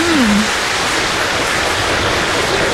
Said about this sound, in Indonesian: Sekali lagi tepuk tangan lah untuk Wah Kemamang tu.